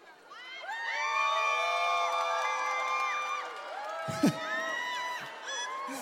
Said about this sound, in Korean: 이거 봐, 아이가 오늘 오신 분들 수준이 높다니까 물 먹는데 막 박수 소리 나고 함성 소리 나오잖아.